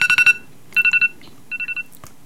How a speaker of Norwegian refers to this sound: Det noen som ringer her, jeg får stoppe den.